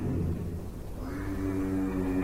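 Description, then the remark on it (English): A giraffe's low, droning hum with a steady, buzzy tone that holds for about two seconds, its resonant pitch shifting slightly partway through. No one speaks over it. “A low vocal sound that they call a hum. They believe giraffes use this hum to communicate.”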